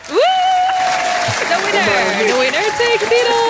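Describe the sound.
An audience applauds the participants and the winner of a song contest with steady, dense clapping for a few seconds. A high voice whoops and cheers over it, its pitch sliding up and down.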